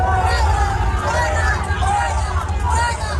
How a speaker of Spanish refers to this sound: reunidos ya Pedro Sánchez y León XIV, el presidente del gobierno, recibido aquí con abucheos de las personas que se han acercado a la Anunciatura para ver salir al Papa.